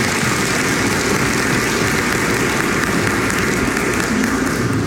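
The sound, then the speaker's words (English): Sustained applause from a church audience for newly named elders and deacons at an ordination, a dense, steady wash of many hands clapping at once, fairly loud and continuous for the whole stretch with no voices standing out. “Let's give the Lord a hand clap of praise for them.”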